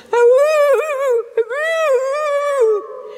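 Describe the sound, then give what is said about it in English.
A wolf, Brother Wolf in the tale of St. Francis, whimpers in two drawn-out, high whining cries, the pitch wavering and sliding up and down, fairly loud with a brief catch between them. “Brother Wolf whimpered again.”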